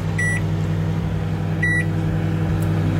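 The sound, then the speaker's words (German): A microwave oven cooking Kaiserschmarrn batter in a buttered dish in a radio studio hums steadily with a low electrical drone while two short, high-pitched beeps sound about a second and a half apart, clear, with no one speaking. “So, das Ganze dann in eine gebutterte Form und ab in die Mikrowelle.”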